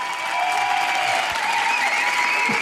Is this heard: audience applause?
yes